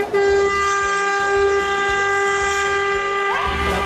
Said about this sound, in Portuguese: Tu quer, mano? Tu quer buzinar? Tu quer? Quer, ó!